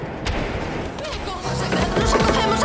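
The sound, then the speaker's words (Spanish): A woman knocks insistently on the huge wooden main door of Notre Dame cathedral in the early hours before dawn: heavy, booming thuds spaced irregularly over a dense, rumbling background with a low tonal hum joining partway through. “Al llegar ante la puerta principal de la catedral, la mujer golpeó insistentemente el enorme portón de madera.”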